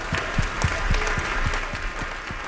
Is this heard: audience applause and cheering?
yes